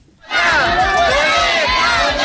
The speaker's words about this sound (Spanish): Este ha sido el grito más escuchado en Dueñas por parte de los padres de más de 200 niños que este primer día de curso no han ido a clase